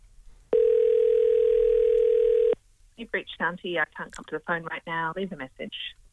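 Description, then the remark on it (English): A loud, steady telephone dial tone hums for about two seconds as a number is dialed, then cuts off abruptly, and a person begins speaking. “Let's give Shanti a call. We've got a number. Let's dial it up.”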